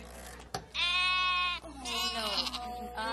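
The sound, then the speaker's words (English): Sheep bleating loudly: one long, wavering bleat followed by a second slightly shakier one, with the start of another at the very end, over a steady low hum. “Quiero una oveja pequeñita.”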